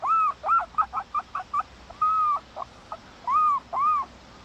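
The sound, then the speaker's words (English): A person imitates a herring gull's call: a quick run of short yelping notes, then several longer, arching cries, fairly loud, with no talking. “The herring gull.”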